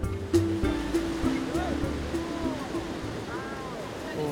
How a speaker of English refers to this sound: Oh. Look at the waves. Pow! Let's go.